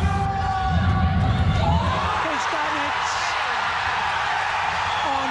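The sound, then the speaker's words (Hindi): A stadium crowd at Indira Gandhi International Stadium erupts in loud, sustained cheering as India's Ayush Shetty scores match point against defending world champion Shi Yuqi of China, a dense roar of voices with whoops and shouts that stays at full strength throughout, with a few wavering tonal cries rising above it. “आयुष का match point score करते ही Indira Gandhi international stadium में मानो जोश का एक विस्फोट हुआ।”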